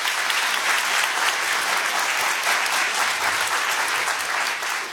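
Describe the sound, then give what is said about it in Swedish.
An audience at Kulturhuset in Stockholm applauds steadily, a dense, even wash of many hands clapping at a constant loud level for the full length, fading just slightly at the very end. “En applåd tycker jag”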